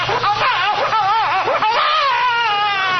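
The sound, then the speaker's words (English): Several babies, one on a chair and another under a table, crying at once in a steady, loud stretch of high, wavering wails whose pitch bends up and down, with overlapping cries running continuously and no talking. “That book says nothing about stopping babies from crying.”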